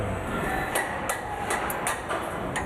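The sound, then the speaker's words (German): A copper hammer strikes steel in a quick series of sharp, ringing taps, about eight blows in under three seconds, over a steady hum of workshop noise, with no voices. “Warum ist das so ein besonderer Hammer?”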